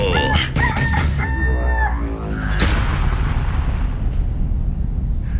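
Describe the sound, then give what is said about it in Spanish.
A loud rooster crows once in a long, strained call, then a burst of rumbling, explosive noise washes over everything and fades into a steady roar. “De aquí sale el mejor gallo.”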